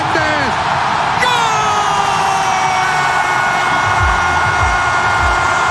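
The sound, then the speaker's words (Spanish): A football commentator's long, sustained goal scream for a third goal, a single loud held note that rises sharply and stretches on for seconds over a roaring stadium crowd. “Qué hermoso, qué manera de gritar.”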